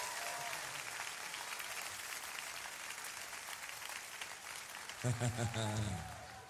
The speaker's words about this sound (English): Give the Lord another hand clap. Amen.